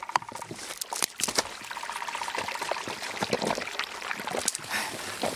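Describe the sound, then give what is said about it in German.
Water trickles and splashes steadily, like a small brook running over stones, with bright bubbling bursts and a continuous flow throughout. “Mir folge dem Bach.”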